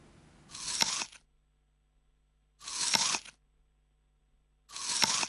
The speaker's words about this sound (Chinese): 正確答案就係、 噔噔噔噔，正確答案就係咬蘋果啦！ 哇，咬蘋果，我都有估過。 係啊，即係索索聲嗰下。咁當然啦，嗰、那個前設咧就係嗰個蘋果唔粉啦， 要爽先得。